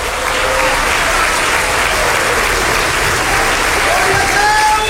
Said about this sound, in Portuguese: Pode se assentar e se sentir, pode louvar a Deus com as suas palmas.